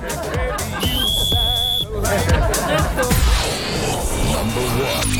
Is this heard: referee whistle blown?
yes